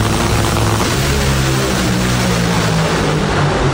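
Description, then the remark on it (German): Nitro dragster racing cars, the biggest with 10,000 horsepower, race against each other at the Nitro Olympics at the Hockenheimring, roaring at full power, a loud, steady wall of engine noise with a deep, throbbing low drone running through it. No one speaks. “Das heißt, hören, was diese Dreckster-Autos da machen, das fühlt man.”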